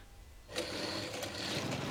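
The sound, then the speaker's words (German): A motorcycle engine cranks without catching: after a brief quiet moment, a steady mechanical whirring churns on with a few sharper bursts, never settling into a running idle. “Sein Motorrad springt nicht an.”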